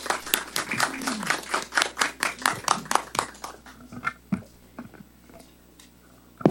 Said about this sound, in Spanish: Bueno, Y ahora también vamos a recibir las palabras de la congresista de la República, la licenciada Carol Paredes Fonseca. Por favor, fuertes palmas.